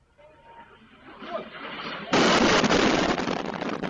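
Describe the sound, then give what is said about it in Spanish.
A low, rising rumble of commotion as people in Sumy, Ukraine take cover gives way to a sudden, very loud Russian bomb blast, its roaring, crackling noise filling the air for the last couple of seconds. “Es el momento, lo han visto, en el que varias personas se protegen de las explosiones de una bomba rusa.”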